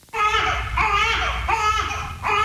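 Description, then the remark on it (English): A newborn baby girl cries loudly and inconsolably in repeated wailing bursts, each sustained cry separated by brief catches of breath, with no other voices present. “That's the sound Jenny Lynn Walden's newborn daughter made for nearly 2 months straight”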